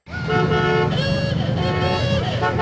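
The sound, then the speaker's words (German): Old-fashioned car horns honk loudly and continuously, several tones overlapping, above a low rumble of engines as some of 300 cars from the past 100 years drive through Springfield, celebrating 100 years of Route 66. “300 Autos aus den vergangenen 100 Jahren knattern durch Springfield.”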